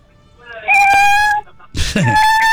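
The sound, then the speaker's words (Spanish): A cat meows loudly twice in a row over a phone line, each call a long, drawn-out, wailing cry with a rising and falling pitch. The second meow starts with a rougher, breathy onset. “Se nos metió un gato ahí en la línea.”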